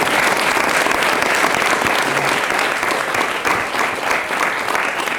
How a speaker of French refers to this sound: Vous pouvez applaudir.